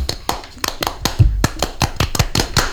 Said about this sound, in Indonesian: Tepuk Pramuka.